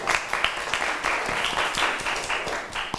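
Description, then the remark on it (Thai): A group of students in a class clapping together for a classmate who answered the teacher's question, in steady, overlapping applause that holds for a few seconds, with sharp individual claps standing out roughly every quarter second. “เก่งมากปรบมือให้เพื่อนหน่อยค่ะ”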